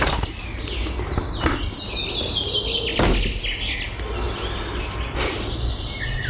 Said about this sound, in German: Keine Ahnung, was das für Vögel sind. Ich glaube, ich lasse das mal mit der Bestimmung.